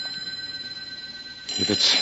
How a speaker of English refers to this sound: Pick it up and find out. It sounds like a phone. Well, what can you lose? Pick it up.